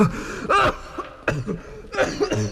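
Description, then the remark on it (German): Several harsh coughs from a man in a quick irregular series, with sharp gasping breaths between them, loud and raspy. “Ich würde doch nicht vom Husten sterben.”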